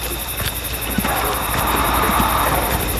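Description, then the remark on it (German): A small locomotive puffs along, giving soft, regular chuffs over a constant hissing rumble, with no voices present. “Hörst du das? Mhm. Was schnaufen? Hör mal ganz genau.”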